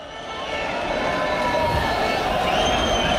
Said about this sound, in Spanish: Parecía el del Real Madrid por los cánticos de los aficionados, pero está llegando otro autobús del Barça. Entiendo que con otra expedición, no eran los futbolistas, sino que era pues el staff técnico, utilleros y demás.